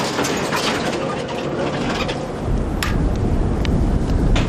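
Strong wind roars steadily in the mountains, with hail rattling and pattering through it in scattered sharp impacts; the gusts swell louder toward the end, and no one speaks.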